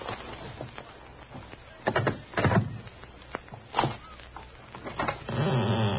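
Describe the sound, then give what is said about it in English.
A letter scrapes and rustles as it is slid under the door of flat number 6 at number 658: a few short, sharp papery swishes, then a steadier, louder rasping scrape at the end. No one speaks. “Hey, put it under the door. Okay, here it comes.”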